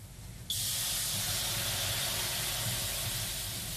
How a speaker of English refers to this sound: That deep, piney heat, water hitting hot rocks, filling the room with steam. When it's blustery outside, a sauna is a very attractive proposition, and they're booming business.